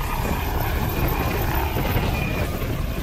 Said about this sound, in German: Am Flughafen Dortmund ist ein Intensivtransporthubschrauber der Luftrettung stationiert.